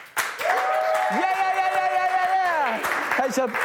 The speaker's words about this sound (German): Ladies and Gentlemen, das war Weltklasse. Komm, Crew, können wir noch mal einen fetten Applaus geben?